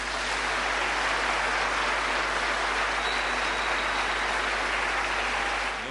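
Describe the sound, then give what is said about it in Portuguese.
Sustained audience applause for Mozambican academics and researchers: a dense, even wash of many hands clapping at steady loudness for several seconds, with no voices over it. “Por isso, queria pedir uma grande salva de palmas.”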